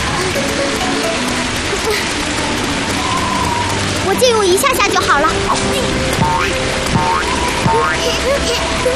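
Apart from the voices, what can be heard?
rain falling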